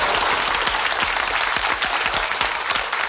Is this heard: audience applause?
yes